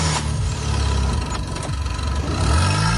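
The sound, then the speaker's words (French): A car with a good battery, linked by jumper cables to a car with a dead battery, is started and left idling: a low continuous rumble with a slight rise in pitch near the end, with no voices present. “Une fois les deux voitures ainsi reliées, démarrez le véhicule équipé de la batterie en bon état et laissez tourner le moteur quelques instants, puis essayez de démarrer la voiture en panne.”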